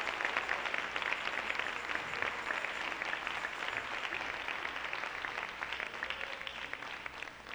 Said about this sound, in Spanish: Le da un aplauso al Señor. Dámosle un aplauso al Rey. Si gusta, dárselo, déselo.